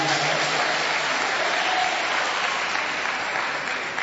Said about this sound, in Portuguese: Palmas para Jesus. Palmas para Jesus.